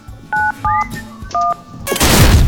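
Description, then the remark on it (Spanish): Three short, clear keypad beeps sound in quick succession as the number 971 is dialed on a phone, followed by a burst of loud rushing static. “Marca en tu teléfono 971.”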